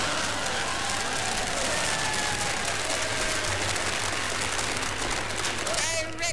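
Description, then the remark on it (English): A crowd applauds steadily, dense loud clapping that holds for several seconds, with a few voices faintly audible beneath it and a brief shrill sound near the end. “I have drunk my fill of the clapping.”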